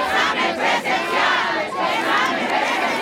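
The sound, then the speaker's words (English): A large, growing crowd of protesters demanding an in-person exam retake roars and shouts together in a dense, continuous wall of voices, loud, with brief dips between surges that suggest rhythmic chanting. “As we talk, the crowd grows.”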